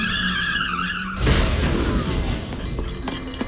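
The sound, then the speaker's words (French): Car tires screech in a loud, wavering squeal for about a second as the driver tries out the car's pedal, then cut off into a sudden crash with clattering, rattling debris that fades out. “J'ai cru que Lionel me parlait de la pédale de la voiture, alors j'ai voulu essayer.”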